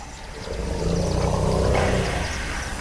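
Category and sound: animal, lion roaring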